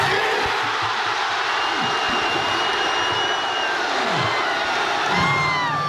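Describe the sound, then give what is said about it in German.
A large crowd of football fans at a public viewing fan fest in the Hafengarten erupts in loud, sustained cheering shortly after kickoff of the Germany vs Ecuador World Cup match, a dense roar of shouting voices with whoops and whistles rising above it throughout, no pauses or letup. “Ja, und dann kurz nach Anpfiff beim Spiel Deutschland gegen Ecuador, sind wir alle vor Ort ausgerastet.”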